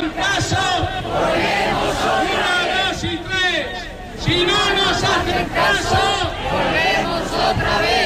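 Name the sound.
protest crowd chanting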